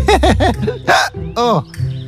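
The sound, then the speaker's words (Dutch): A voice makes a quick run of three squeaky hiccup sounds, then a couple of louder, breathier hiccuping gasps, all fairly loud, with no other talk. “De adem blijft hikken.”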